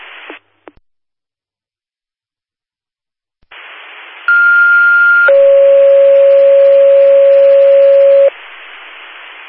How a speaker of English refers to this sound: Attention Linda Fire, general tones for unknown vegetation fire in the area of 2019 Hamilton Smarts Hill Road.